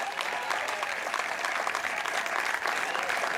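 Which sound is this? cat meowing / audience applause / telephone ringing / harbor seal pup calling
audience applause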